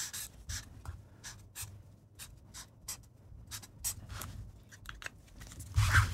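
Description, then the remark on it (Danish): Quiet scratching of a pen across a notepad in short irregular strokes, with brief pauses between marks and a slightly firmer scrape near the end, as a grade is written on the pad. “Hvis jeg giver dig en blok og en Per, du skriver en karakter.”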